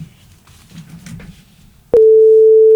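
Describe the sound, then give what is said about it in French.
Faint low rumble and murmur, then a sharp click and a loud, steady mid-pitched answering machine beep, played on the show Ambiance Culture, that holds unbroken for about a second until the end. “On a un répondeur à écouter, c'est maintenant.”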